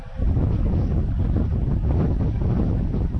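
Wind buffets the microphone in a steady, loud low rumble at an outdoor cricket match, a gusty roar that holds for a few seconds without letting up. No voices are heard.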